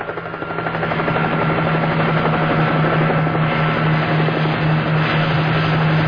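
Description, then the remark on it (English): A helicopter called in to search San Francisco Bay for Morris and his two accomplices drones steadily overhead, its rotor throbbing loud and continuous, swelling in during the first second and then holding a constant roar throughout. “now the helicopter is called in because we're going to search San Francisco Bay to see if Morris and his two accomplices made it or not.”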